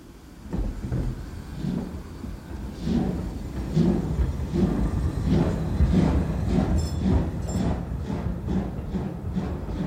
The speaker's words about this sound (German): Und nun setzte sich der Zug in Bewegung.